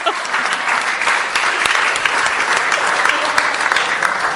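An audience claps steadily for several seconds, a dense, even patter of many hands that stays at a constant loudness throughout with no voices on top.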